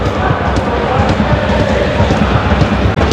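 Heavy rain pours down in a dense, unbroken hiss across an open football stadium in Burgos during a match, loud and steady throughout, with a low rumbling wash of ambient noise underneath.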